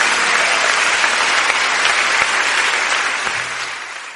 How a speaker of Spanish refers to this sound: Vamos a exaltarle este día con palmas, con toda nuestra alabanza.